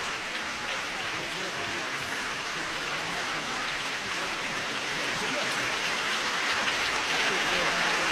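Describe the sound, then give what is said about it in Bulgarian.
Sustained applause from a standing audience in the hall of the Palace of Culture and Sports in Varna, Bulgaria, after the BBC Symphony Orchestra and Sakari Oramo's concert closing the Varna Summer festival, a dense, even wash of many hands clapping at once that holds steady and swells slightly toward the end, with no voices standing out. “Продължават аплодисментите тук в залата на Двореца на културата и спорта в Варна.”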